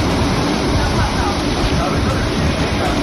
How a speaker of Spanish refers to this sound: Es el sonido de hace tan solo unos minutos en Alcira, donde ya llueve con fuerza.